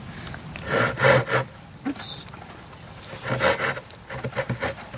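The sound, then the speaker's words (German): A volunteer ranger cuts through wood with a hand saw while showing children how hiking trails are maintained. The saw rasps back and forth in rough, uneven strokes, pausing briefly before speeding up into a quicker run of short cuts. “Diverse Sägen hat er auch dabei.”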